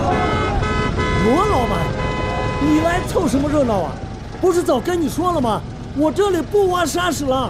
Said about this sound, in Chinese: 不是早跟你说了吗？我这里不挖砂石了，走吧走吧，摁个大喇叭烦不烦？